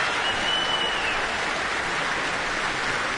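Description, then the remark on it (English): A dense, steady wash of very enthusiastic applause from a large concert audience as conductor Jaime Martin goes among the orchestra pointing out specific players, sustained and loud throughout with no pauses or voices, the many overlapping claps blending into a continuous crackling roar. “Well, very, very enthusiastic applause from the audience, as you can hear.”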